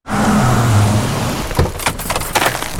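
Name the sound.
car engine revving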